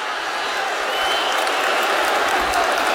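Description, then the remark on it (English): An angry stadium crowd at a Colts–Chiefs football game roars at the end of the first half, with the Colts leading 20–17. It is a dense, unbroken wash of noise that swells slightly partway through and stays loud for the full three seconds, with no single voice standing out. “The crowd is angry.”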